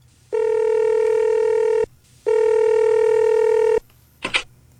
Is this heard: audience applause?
no